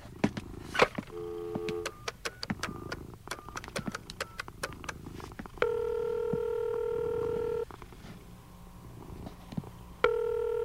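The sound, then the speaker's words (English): A telephone number is keyed in, with several short touch-tone beeps, then a longer steady tone and ringing tones, clear with faint background noise and no speech. “where's the phone?”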